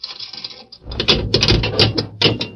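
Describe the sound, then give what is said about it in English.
A jail cell's grill door in a town jail being unlocked: a light metallic ratcheting, then a louder run of clanks, rattles and clicks as the bars and lock shift, with no voices. “They spoke a few words to the guard, and then Murph unlocked the grill door of the cell.”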